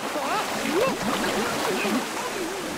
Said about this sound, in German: Abgesehen von der Kälte war es auch sonst kein Spaß, in dieses sprudelnde und schäumende Wasser zu steigen. Schön wild das Wasser hier!